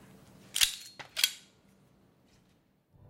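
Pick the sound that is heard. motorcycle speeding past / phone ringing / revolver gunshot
revolver gunshot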